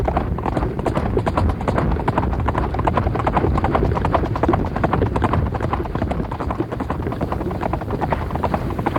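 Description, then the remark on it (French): Horse hooves galloping at breakneck speed along a winding track, a dense, rapid clip-clop pounding steadily and loudly throughout, with a rumbling, busy background and no pauses. “Il galope à tombeau ouvert le long d'une piste sinueuse.”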